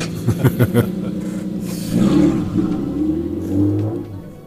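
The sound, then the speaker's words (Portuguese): A rally car engine revs hard, with a few sharp bursts of throttle before it roars past and the sound drifts into a steadier, lower drone, as the car completes the final metres of the Santana special stage. “Aqui no final, a passar por nós. E a cumprir os últimos metros desta consecutiva de Santana”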